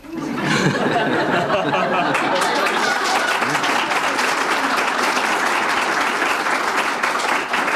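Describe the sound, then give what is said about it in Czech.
A crowd, with women clapping, bursts into sustained applause, dense clapping for several seconds, with some laughter and chatter mixed in underneath. “Začal jsi si povšimnout toho, kdo teďka tleskal? Ženy.”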